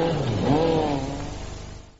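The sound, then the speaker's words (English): A Skoda Super Estel car engine revs up loudly, its pitch climbing, then the car pulls away and the engine noise gradually fades. “Skoda's new Super Estel puts a man in the street and his dog on the road.”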